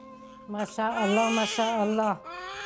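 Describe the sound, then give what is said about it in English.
A newborn baby boy cries on Christmas day in a strained, high-pitched wail, starting with a short squawk and then holding one long, loud, wavering cry before easing off into a softer whimper. “Did you hear him cry?”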